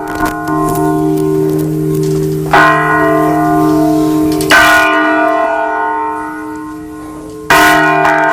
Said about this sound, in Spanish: Sí, han sonado las campanas para Onda Cero Radio, Más de Uno con Alsina, haciendo un programa especial en Mondoñedo y también allí cerquita de la capital, y con esos sonidos de las campanas,